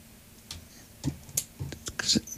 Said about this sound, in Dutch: Dat is het hier die je hoort, hoor. Tikken met de pen. Ja, ik zal ermee ophouden.